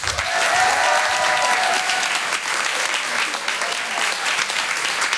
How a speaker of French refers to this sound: Il est drôle, il est sincère, il a une énergie débordante. Merci d'applaudir très fort Monsieur Brahms.